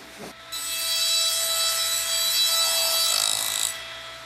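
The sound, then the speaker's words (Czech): A glass grinding machine, one of four in the Swarovski factory in Tyrol, whirs steadily with a bright, hissing abrasive rasp for about three seconds, over a low rhythmic mechanical thrum, then cuts off abruptly. It sounds fairly loud. “V továrně sviští už ne jeden, ale čtyři brusné stroje.”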